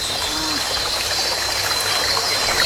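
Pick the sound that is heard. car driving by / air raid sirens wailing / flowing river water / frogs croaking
flowing river water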